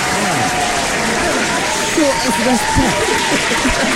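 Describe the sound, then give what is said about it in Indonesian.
An audience claps steadily for about four seconds for the coffee fans, a dense, even patter of hands with excited voices and cheers mixed in throughout. “Tepuk tangan sikit untuk orang kopi.”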